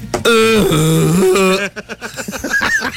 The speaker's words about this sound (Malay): Tapi ini adalah bunyi unta.